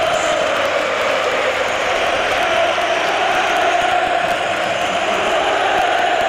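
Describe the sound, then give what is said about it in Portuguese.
The crowd at Estádio José Alvalade whistling and jeering at Luís Suárez as he enters the pitch, in a dense, continuous wall of noise that stays loud and steady throughout, with no clear voices standing out. “Muitos assobios para Suárez, vamos chegando imagens e som também do estádio José Alvalade.”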